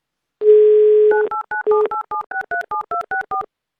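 A steady telephone dial tone hums for under a second, then a quick run of about a dozen short, two-pitched touch-tone dialing beeps follows in a brisk, even rhythm, as the Avtoradio station phones a listener in Sevastopol. No one speaks.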